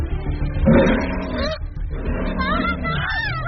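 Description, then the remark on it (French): A jaguar roars loudly, a rough, throaty growl rising and falling in a couple of drawn-out bursts with a brief pause between them. “Alors non merci les jaguars !”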